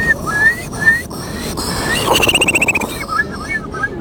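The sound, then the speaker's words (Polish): A contestant in a bird-imitation contest imitates a Eurasian curlew's call: a few rising whistled notes, then a fast bubbling trill that fades into more scattered whistles. It's fairly loud, with no talking. “To będzie kulik wielki. Brzmi on mniej więcej tak.”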